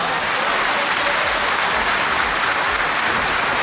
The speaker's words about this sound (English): All right, just before we go on, I want to give a super happy applause and cheers to everyone who has been listening since the show started at 9 o'clock.